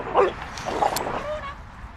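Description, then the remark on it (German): Two dogs yip and bark in short, scrappy bursts, a couple of sharp calls followed by softer whiny vocalizations, as a young dog plays roughly with an older female dog, jumping at her face. “Runa will spielen. Sie ist dabei aber ziemlich distanzlos. Sie springt der älteren Hündin gegen das Gesicht und wird immer ruppiger.”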